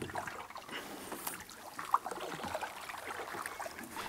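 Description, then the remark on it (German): A boat glides along the flowing Küstriner Bach stream, water trickling and lapping steadily at a low level, with a brief sharp splash or knock near the middle. “Wir sind unterwegs auf dem Küstriner Bach.”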